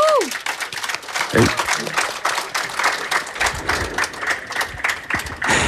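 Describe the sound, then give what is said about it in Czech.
A crowd at the Sadová kolonáda applauds steadily for about six seconds, played as a congratulation, many hands clapping in a dense, crackling wash that stays fairly loud throughout, with faint voices murmuring underneath. “Chceš slyšet, jak ti Sadová kolonáda tleská?”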